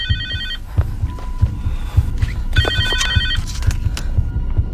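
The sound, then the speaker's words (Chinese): A mobile phone rings with two bursts of bright, rapidly trilling electronic tones, separated by a short pause, over a steady low thumping pulse that continues throughout; the phone rings beside a car stopped on a narrow mountain road. “啊，是我的手机。”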